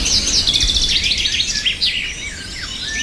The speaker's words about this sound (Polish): A żeby się dobrze czuć, to trzeba posłuchać sobie śpiewu ptaszków na przykład. Co Państwo czują, kiedy słyszą Państwo coś takiego?